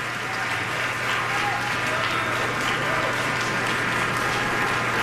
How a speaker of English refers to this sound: The audience hanging on every note of that performance. A standing ovation from the crowd as the musicians come back out on stage for another bow.